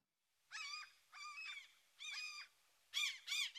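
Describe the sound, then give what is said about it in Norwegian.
A series of harsh, nasal gull screeches, five or six drawn-out calls in quick succession, loud with brief gaps between them. “Særlig om sommeren, når skrikene skjærer gjennom lufta og de sirkler over oss på jakt etter mat.”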